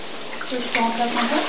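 heavy rain

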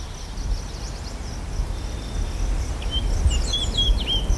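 birds singing

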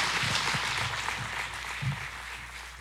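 audience applause

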